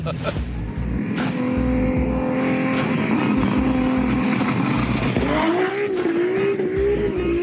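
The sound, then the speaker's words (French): A powerful tuned car engine of 1609 horsepower drives loudly and steadily on a road in Belgium in winter, its harmonic drone rising in pitch near the end as it accelerates, with thumping low rumble throughout. “Avec 1609 chevaux, je m'attendais à de la grosse violence.”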